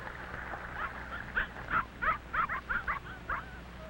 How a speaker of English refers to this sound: A big red setter is running toward them.